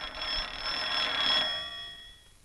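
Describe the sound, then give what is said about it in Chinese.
An old-fashioned telephone bell rings in a rapid, continuous metallic trill for about a second and a half, then trails off into a fading ring: a phone call for the regiment commander. No one speaks. “哎，哦，团长电话。”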